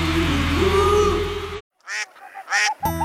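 A few loud, nasal duck quacks ring out in quick succession, clear, after a brief burst of background noise cuts to silence.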